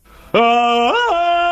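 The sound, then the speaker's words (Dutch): A person imitates a monkey with a single loud, sustained vocal hoot that starts abruptly, rises in pitch partway through, then drops back and holds steady. “Kijk, dat klinkt als een warme aap in deze zon.”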